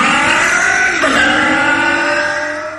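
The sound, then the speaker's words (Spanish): A car engine of the kind said to use Productos Bardal engine protection products revs loudly, a strained, steady roar whose pitch dips briefly then climbs again, tapering off slightly at the end with no voices. “Esos motores son los que usan Productos Bardal, el especialista en proteger motores y máquinas.”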